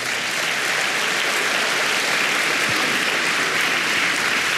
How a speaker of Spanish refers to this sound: Dele palmas al Señor.